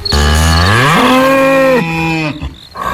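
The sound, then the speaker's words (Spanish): A bull named Jacinto, which has just woken up, bellows once, a long, loud, harmonic call that starts low, climbs in pitch and holds for a couple of seconds before breaking off, with no voices. “pudo para no ser visto por el toro Jacinto, que se había despertado.”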